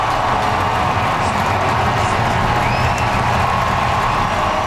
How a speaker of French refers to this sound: Et du côté du sport, le voltigeur des Blue Jays, George Springer, est sorti du match en 3e manche sous une pluie d'applaudissements.